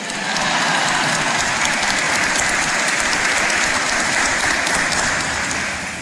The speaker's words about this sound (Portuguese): E uma salva de palmas à Rainha da Paz. Viva Nossa Senhora, Rainha da Paz!